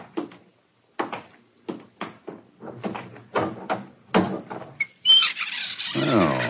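A crude door of new wood in a corner groans open with a long, loud creaking squeal that carries to the end, preceded by a run of short, muffled bursts of sound.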